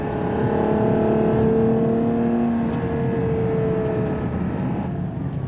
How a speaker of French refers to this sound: puisqu'ils ont mis sous le capot de ce FUV, comme ils l'appellent, pour Ferrari Utility Vehicle, rien d'autre qu'un énorme V12 atmosphérique 6,5 litres. 725 chevaux pour ce joli bébé de 2 tonnes 1.